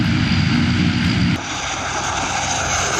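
A Chinese Air Force military aircraft, which can carry people and supplies in its belly, roars loudly and steadily during a Children's Day military camp visit, a deep droning hum beneath broad rushing noise, easing to a slightly lower, steady level about halfway through.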